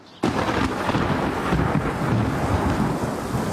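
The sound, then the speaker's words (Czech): A sudden loud thunderclap breaks in after a brief quiet moment, followed by a heavy, steady roar of pouring rain and rumbling storm noise over a field near Chomutov that stays strong throughout, with no voices. “Nevím, tak kdyby třeba pršelo.”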